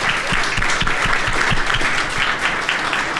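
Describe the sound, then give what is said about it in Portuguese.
A crowd applauds the work being done by the people being thanked, many hands clapping in a dense, continuous patter that stays loud and even throughout, with no voices standing out above it. “Então eu agradeço por tudo que vocês têm feito mesmo e peço uma salva de palmas pelos trabalhos que vocês estão executando.”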